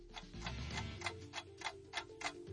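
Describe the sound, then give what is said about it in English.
A steady clock ticking as the timer for the Whiz Quiz, roughly eight crisp ticks in a regular rhythm over a low background hum, moderately loud with no voices. “start the clock.”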